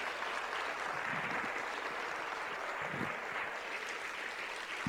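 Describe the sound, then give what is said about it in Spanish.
An audience applauds for the word of God, a steady, dense wash of clapping that holds at a constant loud level for the whole stretch, with no voices standing out above it. “Ese aplauso para la palabra de Dios.”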